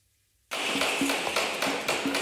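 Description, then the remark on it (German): Steady hammering in Fulda, Germany, as things are set up for the Hessentag: a quick series of evenly spaced blows with a short metallic ring over a constant noisy outdoor background. “Überall in Fulda hört man es hämmern oder klopfen und manchmal auch ein wenig leise fluchen.”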